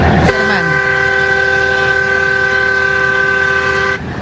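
A loud truck air horn, sounded by a truck driver travelling from Plata toward Ezeiza, blares in one long, steady blast of about four seconds, its layered chord-like tones unbroken before cutting off abruptly.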